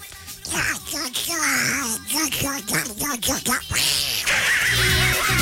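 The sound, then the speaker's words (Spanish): A voice talks in a squawky, nasal duck imitation, a rapid run of quacking syllables with choppy rhythm, loud throughout. “con la voz del pato.”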